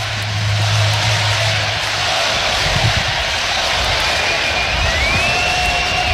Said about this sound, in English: Listen to this crowd.